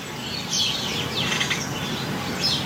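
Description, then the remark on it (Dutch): Dozens of sparrows chirp continuously in the hedges and beech hedges around a house in Indijk, Friesland. Many overlapping bright calls form a steady, busy twitter with no voices present. “hoort tientallen mussen in de heggen en beukenhagen rond haar huis.”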